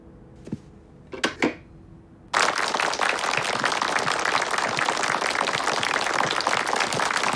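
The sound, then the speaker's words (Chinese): A few faint taps and thumps, then sudden sustained applause from a crowd, a dense, loud, steady wash of many hands clapping that continues unbroken to the end. “好，停止鼓掌啊。”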